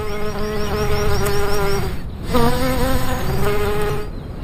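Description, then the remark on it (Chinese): A large, furry male bee, about twice the size of a honeybee, buzzes loudly in flight on an alpine scree slope among flowers, its deep droning hum wavering in pitch as it moves, with a brief dip near the middle before the buzzing swells again. “雄蜂和流石滩上的花朵之间有一种奇妙的互动。花朵听到它巨大的嗡嗡声，就会加速生产花蜜，就像是传说中的芝麻开门一样。”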